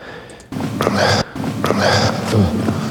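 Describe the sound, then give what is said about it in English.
Two loud, breathy rushes of air follow each other back to back, each a sustained noisy exhale, repeating like a looped breath with no voices. “Loud breath there. That could be a snare drum, maybe.”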